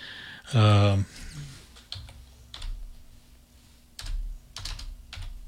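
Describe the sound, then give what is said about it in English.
Computer keyboard typing in short, irregular bursts of clicky keystrokes as someone types 1968 into a computer, opening with a brief loud tonal sound before the keys start. “Visually typing in 1968 on the computer, so it'll be there.”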